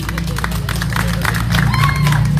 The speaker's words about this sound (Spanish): Aplausos para Jarvi.